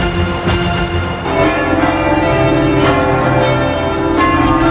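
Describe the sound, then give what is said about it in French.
Church bells in Tours, France, peal loudly and continuously at 10 a.m., several bells overlapping in a rich, ringing wash of tones with strikes layered over a sustained hum, no voices present. Bells across the country rang for seven minutes to celebrate the pope's arrival in France. “Il était 10h ce matin quand les cloches de tout le pays ont sonné, comme ici à Tours.”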